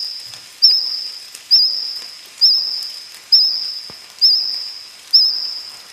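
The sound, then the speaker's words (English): A cricket sings a steady, high, thin trill, swelling into a sharper chirp roughly every second, six regular pulses over a faint hiss with no voices. “Sounds more like a cricket, probably singing close.”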